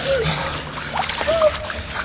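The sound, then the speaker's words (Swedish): Icy water sloshes and splashes continuously as someone wades and swims across it, moderately loud, with a few brief vocal sounds over the churning. “Vi måste simma. Det är rätt släppet i deras vatten.”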